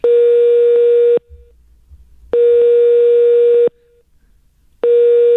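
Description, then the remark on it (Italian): A telephone ringing tone on a call placed by the radio show Lo Zoo di 105 repeats in quick succession: three loud, steady, mid-pitched buzzing bursts, each lasting about a second, separated by brief gaps of low rumble, with no voices. “Andiamo di squilli fa. Madonna, mitragliatore. È veloce, ma è veloce.”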